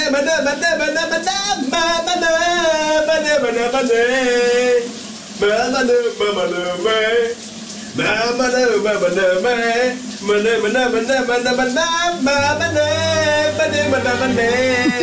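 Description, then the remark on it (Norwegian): A man sings a wavering, melodic pop song over the steady hiss of a running shower, his voice rising and falling with brief pauses before carrying on loudly. “Noget andet, der absolut også er smukt, det er dagens brusebadshit, i hvert fald den originale version. Kunne du høre, hvad min kollega synger her?”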